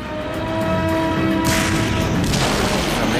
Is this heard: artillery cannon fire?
yes